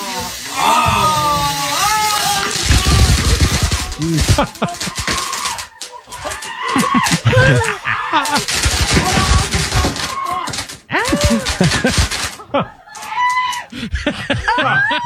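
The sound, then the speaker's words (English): Rapid crackling bursts of fireworks on a birthday cake pop and fizz continuously and loudly, while excited voices shriek and shout over them throughout. “But this is the moment that the fireworks started going off there with the birthday cake.”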